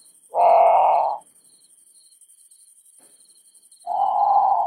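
A great potoo gives two loud, rasping, groan-like calls, each under a second long, separated by a few seconds of quiet; the second call is cut off at the end.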